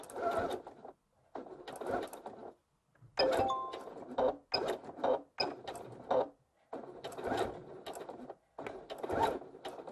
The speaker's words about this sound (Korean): 그리고 테이프 끝에 시접을 1cm 접어서 시작점에 맞춰주시고, 그리고 중간중간 선들을 맞춰가면서 쭉 2mm 정도로 봉제를 해줄 거예요. 첫 지점에서 되돌아받기 해주고 시작할게요.